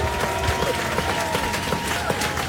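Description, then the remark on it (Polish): Steady audience applause, a dense wash of many hands clapping at an even loudness throughout, with a faint murmur of crowd noise underneath. “No, no, zasłużone brawa.”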